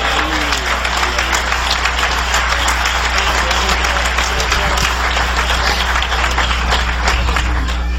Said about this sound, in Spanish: Si es para el Señor, dale fuerte ese aplauso.